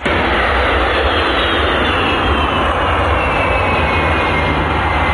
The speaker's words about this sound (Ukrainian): Про приїзд шефа американської розвідки до Москви світ дізнався, коли військово-транспортний літак США у вівторок приземлився в аеропорту Внуково.